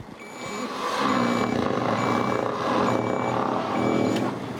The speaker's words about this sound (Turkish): Lastik sesi önemli bir şey yok.